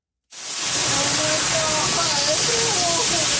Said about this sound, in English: Shouts of panic and fear as … and her family helplessly watch a virtual river